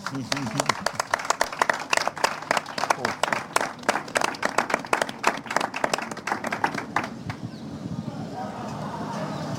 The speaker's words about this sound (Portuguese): Portanto, era uma salva de palmas para os pescadores, faz favor.